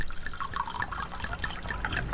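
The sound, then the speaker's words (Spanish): Rum pours steadily into a glass, a gurgling trickle with small splashy bubbles throughout, heard on its own for a couple of seconds. “Un buen ron primero se destapa, luego se sirve”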